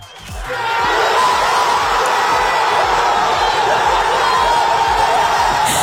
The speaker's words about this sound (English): That is people crying in pubs, people screaming, lifting each other up in adulation.